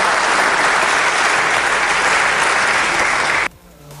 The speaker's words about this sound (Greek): Και εσείς παιδιά χειροκροτάγατε για αυτό το τελευταίο, βάλτο πάλι.